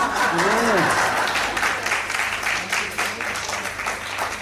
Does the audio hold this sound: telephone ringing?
no